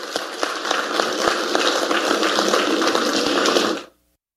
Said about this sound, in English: We thank so much the Governor General for being here. Applause for the Governor General.